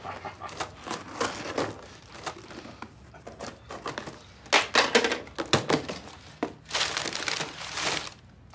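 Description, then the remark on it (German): Irregular bursts of crinkling and rustling as a parcel is cut open and unwrapped, with paper and packaging crackling in uneven handfuls and a few dull thumps, no voices. “Haben Sie mal eine Schere da?”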